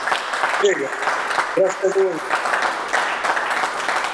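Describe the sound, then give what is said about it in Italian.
A studio audience applauds steadily, a dense wash of clapping that fills the whole stretch at a fairly loud, even level, with a few brief voices rising above it. “Più di una volta mentre tu parlavi stava per partire un applauso, ma poi forse un po' il religioso silenzio, in realtà anche le persone che sono qui questa sera in studio non andavano avanti con l'applauso”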